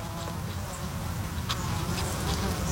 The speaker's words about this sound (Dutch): Ook veel vlinders die daar fourageren, maar het zijn natuurlijk de bijen die zich laten horen. En een hijgende hond tussendoor, geloof ik.